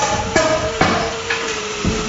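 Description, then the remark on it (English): Hammers strike wood at an outdoor building site in Dunair Beach, where homes are being built for families who lost theirs to last year's wildfire: four sharp blows at an uneven pace over a steady background hum, moderately loud. “The sound of hammers is replacing the silence left behind last year's devastating wildfire in Dunair Beach.”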